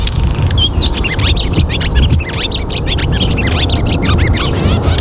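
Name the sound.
barn swallow song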